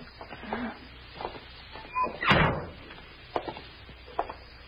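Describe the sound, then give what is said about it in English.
A side door creaks open and bangs shut with one loud, sharp thud in the middle, surrounded by faint clicks and shuffling, with no voices. “Let's try that side door.”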